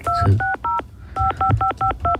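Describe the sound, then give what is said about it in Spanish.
A rapid series of eight telephone DTMF dialing tones, each a short steady dual-pitched beep: three in quick succession, a brief pause, then five more at an even pace over a low background hum. “Había marcado, señor.”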